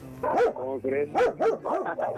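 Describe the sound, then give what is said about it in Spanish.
A dog barks aggressively in a rapid, insistent burst of about six loud barks, each sharp and strained, with no pauses between them. “Y así como tú tienes también perros, pues agresivos de este lado también hay.”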